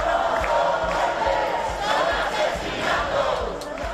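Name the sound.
protest crowd shouting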